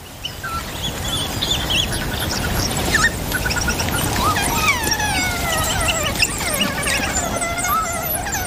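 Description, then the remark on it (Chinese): Wild dog pups squeal in a dense, overlapping chorus while feeding on food brought back by the adult wild dogs to their new den, with high-pitched rising and falling cries that chatter on continuously and fairly loudly, with no voices. “当食物随便吃的时候，很快就出现一场尖叫声此起彼伏的交响乐。”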